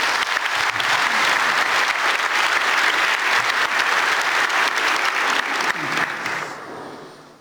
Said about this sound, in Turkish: Galatasaray'ın her maçında stadımızı dolduran, bizi destekleyen, her zaman yanımızda olan taraftarımıza buradan teşekkürlerimi gönderiyorum. Sizlerden onlara kuvvetli bir alkışı rica ediyorum.